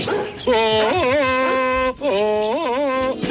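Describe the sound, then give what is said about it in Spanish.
A human dubber voices Rocky, a German shepherd dog, with two drawn-out, wavering yelping cries, one after the other, loud with no other talk. “Pero vamos a ver, que es un perro, no es un mono, ¿eh?”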